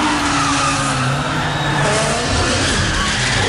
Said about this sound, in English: A new drifting world record has been set by a Chinese EV manufacturer. One of the company's drivers managed to drift a Zeekr 7X sideways through a gap with only 25 centimetres of clearance left.